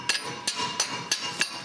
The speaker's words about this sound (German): Klopft mal da drüben, ob der sich ein bisschen löst, der Bolzen.